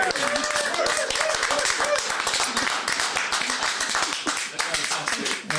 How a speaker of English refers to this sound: Well, guys, you've been truly amazing. Thank you so much, so much. Let's have a big round of applause, please, for the ….